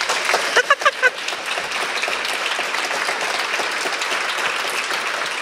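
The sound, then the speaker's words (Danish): An audience in a hall applauds steadily, a dense wash of many hands clapping, with a few sharp louder claps near the start before settling into even, sustained applause. “Der vil jeg da lige sniløbe der med en fed klapsalve, tak skal jeg, som sidder her og hygger sig rigtig godt.”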